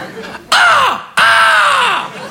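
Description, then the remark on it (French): A voice imitates the squealing brake of a bicycle braking at a red light with two loud, drawn-out, falling squawks, back to back, sounding much like a crow's caw. “Il y a un corbeau mort dans le frein?”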